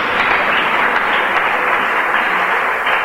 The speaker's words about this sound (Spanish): Dale un aplauso al Cristo de la gloria, hermano. ¡Aleluya!